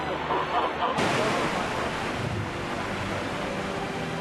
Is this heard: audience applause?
no